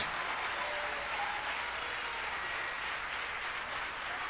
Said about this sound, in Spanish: Vamos a aplaudirle fuerte a nuestro Dios.